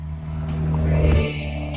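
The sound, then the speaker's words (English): An old car, about 45 years old, drives past, its low, throaty engine rumble building to a loud peak at the midpoint and then easing off as it moves away. No one speaks. “See, then I was just listening to the car noise.”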